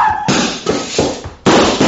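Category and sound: sound effect, gunshot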